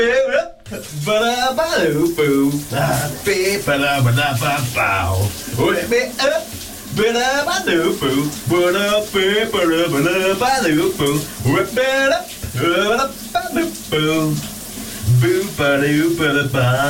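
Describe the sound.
A steady hiss of shower water runs throughout while a man sings loudly over it, his melodic voice rising and falling above the constant spray.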